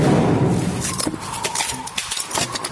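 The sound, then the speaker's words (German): A loud, deep rumbling explosion burst fades over about a second into scattered clattering and clinking of debris crashing down as a bridge collapses and a train falls into the water. “Eine Explosion! Die Brücken stürzt der!”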